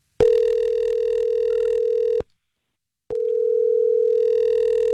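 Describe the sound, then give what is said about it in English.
A telephone ringback tone, heard from the caller's end as the Star 101.3 radio show places a call: a steady, buzzy electronic hum sounds for about two seconds, pauses briefly, then starts again, loud, with no talking. “Let's call her and try to figure it out.”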